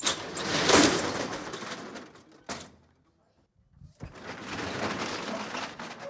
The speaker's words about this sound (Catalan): Acabau d'escoltar com s'aixecava la barrera de veres